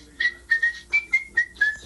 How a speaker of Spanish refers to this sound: Uy. El chiflidito. Andele, el chiflidito le hice segunda a mi compadre